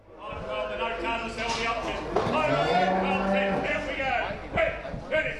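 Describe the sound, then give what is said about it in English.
Cattle low and moo repeatedly in pens of sheep and cattle at the Shepparton sale yards during a fundraising sale, several drawn-out calls overlapping, with indistinct voices and yard noise mixed in. “At the Shepparton sale yards, there are pens of sheep and cattle that are probably going to be sold above their market value.”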